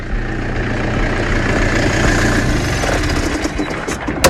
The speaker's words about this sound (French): Alors pour essayer d'en savoir un peu plus, je suis en train de monter dans la parcelle parce qu'il y a un tracteur qui travaille là, qui est en train d'arriver vers moi.